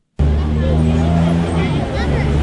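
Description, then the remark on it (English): Idling car engines hum steadily, with a low murmur of voices and general street bustle mixed in, as cars queue near the gates of Freeman's Bay School in Auckland CBD, New Zealand, at 8:30 in the morning. “At 8:30 in the morning outside Freeman's Bay School in Auckland CBD, cars are queuing up, getting as close as they can to the school's gates.”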